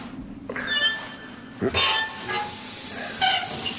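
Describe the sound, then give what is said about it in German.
Fairly loud hissing and fizzing of undiluted nitric acid comes in several sharp bursts, each carrying a thin, high-pitched squealing whine before it trails off into a steady background hiss. “Was ist das? Unverdünnte Salpetersäure.”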